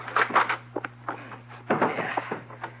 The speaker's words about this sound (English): Now, open the door.